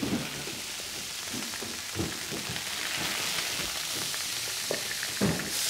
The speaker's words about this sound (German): Schön von allen Seiten anbraten, aber nicht anbrennen lassen.